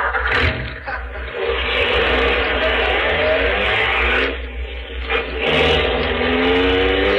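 A car engine roars, revving hard and climbing in pitch as it accelerates in pursuit of another car, loud and sustained with a brief dip midway before surging again.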